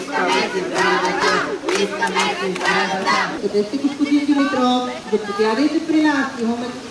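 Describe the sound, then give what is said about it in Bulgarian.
A crowd of protesters outside Plovdiv municipality chants together in loud, rhythmic bursts, many voices rising and falling in unison with sharp accented shouts, sustained throughout without a break; the protest is over the delayed renovation of the humanities high school and Knyaz Alexander I primary school. “Въпреки скандиранията на протестиращите, кмета Костадин Димитров не слезе при тях.”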